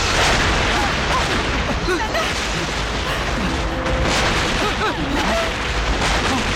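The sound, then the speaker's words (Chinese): A dense, unbroken roar of massed artillery fire from the Communist army's general offensive, a heavy bombardment blending into one loud, rumbling wall of sound with no clear gaps between the blasts. “总攻，这是总攻的炮声。”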